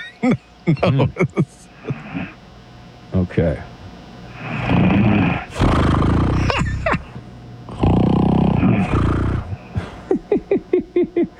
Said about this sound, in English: Oh, I hear a little snore. Okay. It turns out she's got a little snore situation. Oh, it's getting... Is this sound effects is getting bigger? No.